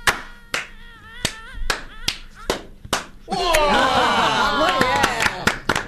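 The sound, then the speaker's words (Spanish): Single sharp hand claps ring out one after another at uneven intervals as an audience tries to clap in a staggered wave, then a loud burst of crowd voices and laughter swells in, with a few more scattered claps cutting through. “¿Vamos a hacer un aplauso en ola?”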